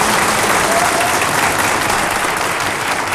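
Sustained audience applause for a band, a dense, steady wash of many hands clapping at an even loudness throughout, with no break or fade and no voices standing out.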